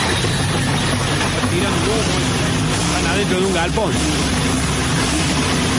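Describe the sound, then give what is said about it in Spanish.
A tractor engine runs loudly and steadily inside a shed for the whole stretch, a dense, unbroken rumble, while a voice talks briefly over the noise. “No, me mandan un video de un... ¿Qué ves? Un tractor medio raro.”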